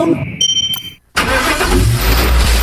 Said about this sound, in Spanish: Una Isuzu siempre responde. Aunque la pasión empuje fuerte, tenemos la fuerza para llevarla con nuestro motor 3.0 turbo diésel